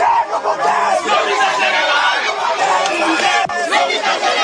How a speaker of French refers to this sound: Sur tout le parcours, les manifestants chantent et poussent des cris, exprimant ainsi leur ras-le-bol face à cette situation jugée insupportable.